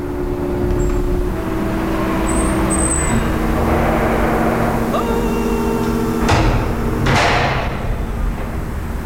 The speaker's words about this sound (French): Code d'entrée. Voilà. Et nous poussons la porte.